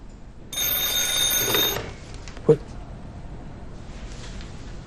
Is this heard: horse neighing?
no